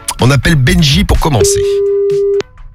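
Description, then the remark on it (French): A voice talks briefly, then a single steady telephone ringing tone sounds for about a second, clear, as on an outgoing call, before stopping abruptly. “On appelle Benji pour commencer.”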